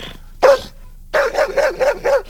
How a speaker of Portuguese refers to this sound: Às 6 horas e 34 minutos, cachorro latiu. Cachorro latiu, tem gambá no galinheiro.